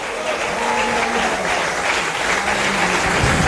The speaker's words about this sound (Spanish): Y creo que usted puede darle un aplauso al Señor.